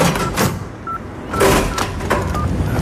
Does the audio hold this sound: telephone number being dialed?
yes